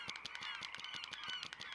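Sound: birds honking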